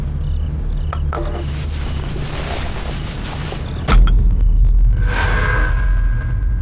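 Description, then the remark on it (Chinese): A few bright clinks of glass against glass in a toast to victory ring out over a low steady hum, with a sharper knock near the middle followed by light clattering of tableware. “来，为胜利干杯。”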